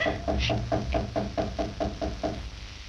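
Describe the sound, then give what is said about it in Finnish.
Someone knocks on a door instead of ringing the bell: a steady series of about ten evenly spaced knocks, with a faint low rumble underneath and no one speaking. “Joku koputtaa ovelle. Ei soittanut kelloa, vaan koputti.”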